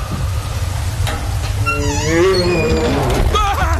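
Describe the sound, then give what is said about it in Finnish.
A deep, rumbling bear growl swells into a wavering, moaning roar that rises and falls in pitch, loud, over a constant low rumble, with no one talking. “Karhu!”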